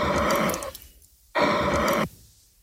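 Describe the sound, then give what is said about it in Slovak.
Two heavy breaths of a person's own breathing, a long rushing exhale followed after a short pause by another, with no talking. “Taký, akože trošku ťažší, ale stále vlastný dých.”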